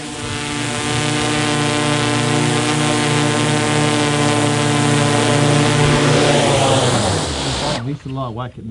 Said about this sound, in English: Time to bring the drone home.